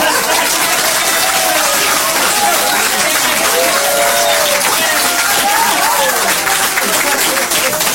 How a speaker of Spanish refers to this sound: Fuerte el aplauso